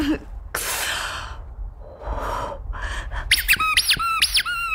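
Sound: rubber duck squeaking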